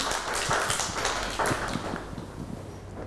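A group of children clap for a classmate for a few seconds, their claps loose and uneven rather than in unison, crisp sharp smacks at a moderate level that taper off slightly toward the end.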